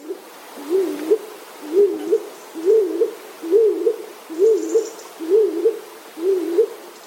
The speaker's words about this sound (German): Die Hohltaube klingt dumpfer und kürzer.